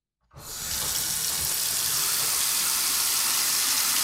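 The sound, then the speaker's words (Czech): A water tap is turned on after a brief silence, and a steady, full stream of running water then pours continuously, fairly loud, with no voices. A resident shows that no hot water flows during a scheduled hot-water outage, in a home on Valachův žleb street in the Jižní Svahy housing estate. “Neteče. Ukazuje paní Jana, která bydlí na ulici Valachův žleb”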